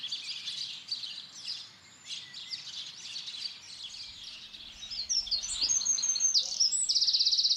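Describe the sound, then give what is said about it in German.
Several songbirds chirp and trill continuously in dense overlapping song, bright, with a steady buzzing call joining near the end, in the hedge around a farmhouse garden in Nettlingen, Hildesheimer Börde, Germany; no talking. “Die Hecke ums Haus zieht Singvögel magisch an.”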